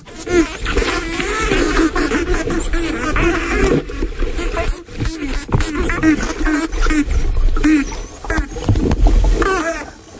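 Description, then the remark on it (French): Underwater recording in the Bahamas of spotted dolphins, two subgroups of adults and juveniles playing chase, vocalizing: a dense chorus of rising, warbling whistles and chirps overlapping continuously, fairly loud, over a low murky rumble of water. “Alors là, on est immergé aux Bahamas avec des dauphins tachetés et on a deux sous-groupes d'adultes et de juvéniles qui sont en train un peu de jouer aux gendarmes et aux voleurs et ils vont se faire face.”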